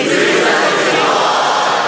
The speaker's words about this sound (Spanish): Con gran ánimo griten, Jesús es el Señor. ¿Están listos? 1, 2, 3.